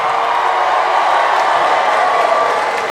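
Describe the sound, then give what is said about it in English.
A comedy show audience of married people, answering a call to make some noise, cheers and shouts in a loud, steady roar that holds evenly for about three seconds before cutting off abruptly. “Married people, make some noise.”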